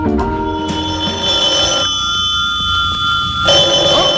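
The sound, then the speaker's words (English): An old telephone bell rings loudly and continuously, a harsh metallic jangle that pauses briefly before clattering on again, with no voices present. “Uh-oh, I hear an old telephone ringing again.”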